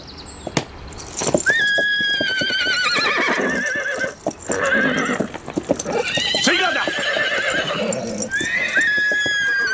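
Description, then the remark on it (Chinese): In a Han army camp, a horse shying at the newcomer Wei Qing whinnies loudly several times with high, wavering neighs, while hooves clop in an uneven rhythm beneath. A man's voice briefly calls out a short question. “骑狼息怒，卫青初来乍到，这匹马恐怕有点认生。”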